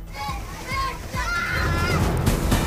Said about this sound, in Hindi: भारी बारिश का आनंद लेते नजर आए बच्चे, पानी में जमकर की मस्ती।